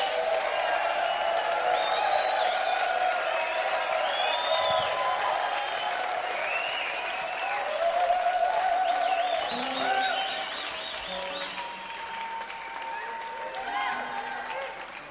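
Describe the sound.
A crowd applauds and cheers steadily for a band for about fifteen seconds, with a dense wash of clapping under shouts, whoops and excited voices, easing slightly toward the end.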